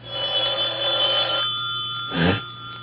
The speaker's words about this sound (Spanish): ¿Eh? Caray, el teléfono.